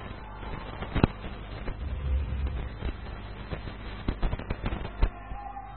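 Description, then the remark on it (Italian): Repeated fireworks bursts crack and thud at irregular intervals in Palazzolo, some sharp, others duller, with a low rumble and background noise between the blasts. “Poc'anzi ci sono stati, come al solito, i bombardamenti dei fuochi d'artificio e questa sera per tutta la notte ci sarà questo.”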